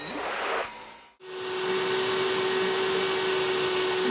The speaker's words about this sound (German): Staubsaugen mit der Kraft des Wassers.